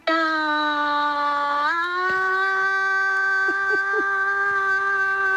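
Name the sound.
short final scream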